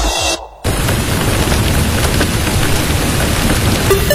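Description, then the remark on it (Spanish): Heavy rain pours down in a dense, steady roar, with deep rumbling thunder underneath, after a brief dip at the start. Loud throughout, with no voices. “Atención, se pronostica un evento de lluvias importantes.”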